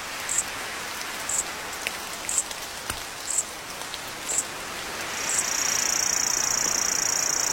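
rain falling

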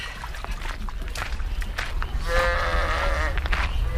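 sheep bleating

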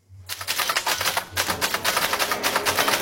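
typewriter keys clacking

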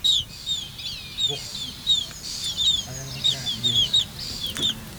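black-tailed godwit chicks calling

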